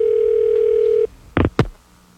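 A steady telephone line tone hums for about a second, then cuts off, followed by two sharp clicks like a handset being picked up, as a call return feature rings back a caller who just hung up. No one speaks.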